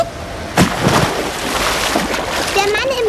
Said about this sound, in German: Ins Wasser gesprungen. Kann er denn überhaupt schwimmen? Aber ja, doch, keine Sorge. Guck, da taucht er schon wieder auf.